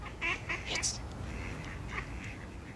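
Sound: duck quacking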